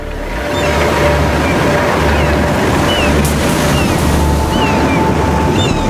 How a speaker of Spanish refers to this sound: Pocas fuerzas de la naturaleza son más aterradoras que las olas en plena tormenta. La energía del océano lanzada contra la costa.